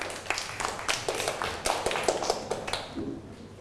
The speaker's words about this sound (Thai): นั่งลงได้ครับปรบมือให้กับเพื่อน